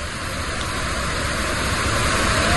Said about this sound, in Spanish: Bad Gastein es una ciudad que parece construida en una ladera casi vertical, y por en medio pasa una enorme cascada de agua, una gigantesca cascada de agua que pasa por en medio del pueblo, que mira, sonaba, así sonaba la cascada de Bad Gastein.